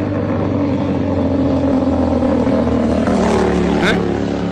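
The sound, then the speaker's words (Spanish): Loud motorcycle engines drone steadily throughout, with one rising rev swelling near the end as a bike seems to pass. Muffled voices sit faintly underneath the engine noise. “Ahí están los motociclistas, ya le están esperando ya ahí.”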